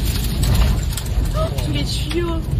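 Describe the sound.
Loud, relentless roar of a mini-tornado's wind during storms near Saint-Étienne, France, with debris it throws pelting a car windshield, a dense rattling clatter heard from inside the vehicle, while motorists' voices exclaim faintly beneath the noise.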